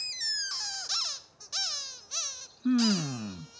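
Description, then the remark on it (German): Ernie's rubber duck squeaks in a quick series of four or five shrill bursts, each sliding up and down in pitch, fairly loud with no one talking. “Dann muss ich das wohl nochmal hören, Quietscheähnchen.”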